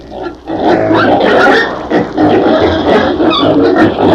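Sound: pigs grunting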